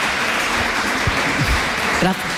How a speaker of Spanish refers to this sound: Si alguien quiere aplaudir, que aplauda, hombre, si se ha sentido. Por supuesto que puede aplaudir.